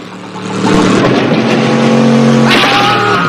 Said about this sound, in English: The wheels send mud flying as Juan heads back towards Zolo and his men.